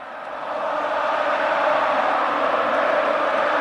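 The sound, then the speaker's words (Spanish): A large football stadium crowd, including Joaquín in the stands, applauds emotionally in a dense, steady roar of clapping that swells up over the first second and then holds loud and continuous, with no distinct voices. “Y Joaquín, Joaquín, que está en la grada aplaudiendo, muy emocionado, así suena.”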